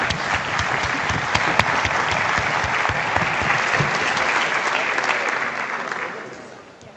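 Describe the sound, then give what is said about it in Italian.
Sustained applause from a large audience, a dense wash of clapping that holds steady for several seconds before tapering off at the end, as Eugenia Maria Roccella, Italy's minister for family, natality and equal opportunities, is invited onto the stage. “Facciamo un applauso.”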